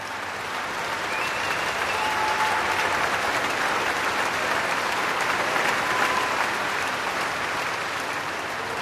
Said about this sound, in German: Solist und Orchester werden hier wirklich gefeiert vom Publikum, das ein ziemlich anderes Musikmenü bekommt als auch schon für Eröffnungskonzerte am Lucerne Festival.